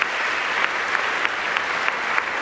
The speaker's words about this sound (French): Il fait monter le pupitre des bois et le pupitre des vents. J'entends des applaudissements. Et tout l'orchestre. Les violons, alto, violoncelle, contrebasse. Et voilà, à présent, tous acclamés par le public du Studio 4 de Flaget.